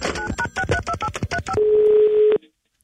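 Telephone dialing tones as a call is placed back: a quick run of about ten short, evenly spaced touch-tone beeps, followed by a steady, lower single tone that holds for under a second before cutting off.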